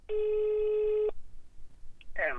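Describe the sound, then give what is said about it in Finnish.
A single steady telephone ringback tone sounds for about a second while a call is placed, followed by a short pause before a voice briefly begins speaking. “Mä ajattelin soittaa ja kysyä, että mitä sinne kuuluu nyt?”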